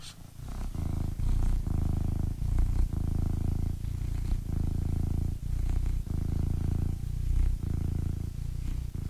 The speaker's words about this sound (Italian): Un attimo solo, perché voglio far sentire il mio gatto come fa le fusa. Sentite un attimo, un attimo solo, eh.